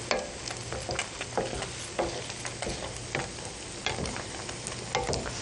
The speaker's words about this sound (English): And oh, the ragu is heated up now, I think. I'll just give it another little final stir around. As you can see, it's glistening with that lovely arrowroot there.